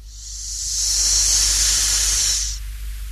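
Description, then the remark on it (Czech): A steady, breathy hiss of a thin stream of steam escaping through a crack of a small chest as its lid is lifted, swelling up over a second and holding strong before cutting off abruptly, with a low rumble underneath and no voices. “Jenom tenkej pramínek páry, co se prodírá ze škvíry.”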